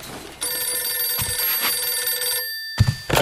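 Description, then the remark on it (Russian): A telephone bell rings for a telephone conversation between Stalin and Admiral Isakov after the Second World War, in one sustained, bright burst of about two seconds, then stops; after a short pause a second ring begins. No one speaks. “И однажды, правда уже после Великой Отечественной войны, между ними состоялся вот такой телефонный разговор, который многие считают историческим анекдотом.”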